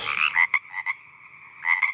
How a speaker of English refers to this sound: Yes, it's a frog. When you hear that before 9 o'clock this morning, it is the sounds of the Ekka.